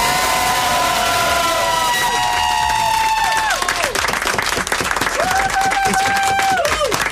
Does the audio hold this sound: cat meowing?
no